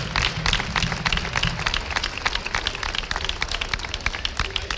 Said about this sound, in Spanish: Yo pido un aplauso fuerte para estas niñas y para estos niños y para sus padres y sus madres que nos sufren a nosotros durante un año entero.